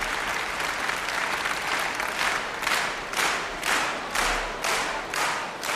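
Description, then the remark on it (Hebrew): Sustained, loud audience applause at an Independence Day celebration in Jerusalem that settles into a steady rhythmic beat, as if the crowd is clapping in unison, with no one speaking over it. “ושוב מחיאות הכפיים סוערות, הקהל פשוט לא נרגע.”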